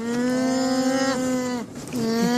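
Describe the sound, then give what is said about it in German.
A baby alpaca, a young male named Oscar Alfonso born last weekend to the alpaca Coffee in the Bürgerpark in Bremen, calls out in a long, steady, nasal cry. It breaks off briefly near the end, then resumes at the same pitch, loud and on its own without any talking. “Na, habt ihr eine Idee, was das ist? Es ist ein Alpaka.”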